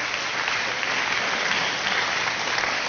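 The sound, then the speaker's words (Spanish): A church audience applauds Jesus during a sermon, a dense, even wash of many hands clapping at the same loudness throughout, with no pauses and no voices rising above it. “Pues ese aplauso a Jesús en la sangre.”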